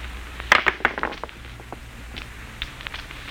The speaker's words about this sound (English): Do you have to roll those dice? I'm sorry. I wasn't thinking.